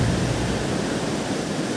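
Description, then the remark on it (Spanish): A loud, steady roar of rough surf, strong sea waves churning at a beach in Guanacaste, a dense rushing wash with no distinct pauses and no voices. “turistas se arriesgan ingresando al mar en Guanacaste, pese a las banderas rojas que advierten el fuerte oleaje.”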